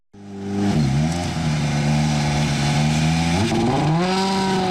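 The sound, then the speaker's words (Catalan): A loud rally car engine revs hard at a gravel rally in Utiel, Spain, its pitch dipping and climbing through several throttle blips before surging upward in a sustained roar, with no voices present. “Arriba l'emoció del motor, no et perdes el Rally Ciutat Utiel, una de les cites més espectaculars de l'automobilisme a Espanya.”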